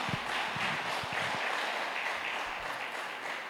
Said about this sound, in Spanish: ¿Cuánto le damos ese fuerte aplauso a nuestro Dios? Amén.